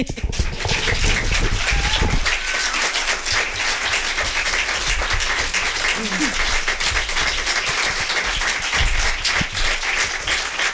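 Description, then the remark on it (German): Sustained audience applause, a dense, steady wash of many hands clapping that stays loud throughout, with a faint voice briefly audible underneath. “Ja, dann überspreche ich den Applaus den Berechtigten jetzt nochmal.”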